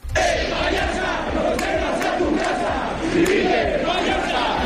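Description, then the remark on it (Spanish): A large crowd shouts protest chants against Sánchez and against regional president María Chivite at a rally against the central government, a loud, continuous roar of many voices with rhythmic surges and swells, filling the whole stretch without pause. “Escuchábamos gritos contra Sánchez, pero también los hubo contra la presidenta Chivite.”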